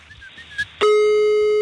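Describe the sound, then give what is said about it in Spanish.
A telephone call being placed: faint, brief high beeps give way to a sudden loud, steady electronic line tone that holds to the end, with no talking. “Vamos a marcar rápidamente.”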